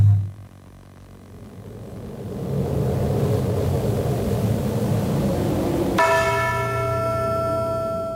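A low, steady rumble like distant thunder and rain builds, then a single loud church bell toll strikes and rings out, its tone lingering to the end.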